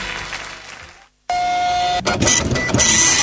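A printer whirs into action after a brief silence, its motor humming with a steady high whine, then clicking and rattling as paper feeds through in a loud, continuous mechanical churn.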